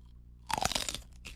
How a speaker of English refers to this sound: I'm grabbing chile, the chile. A big ass bite. A big one. Yeah, big bite. Just a tip. Quick. See, can you hear it? Ready?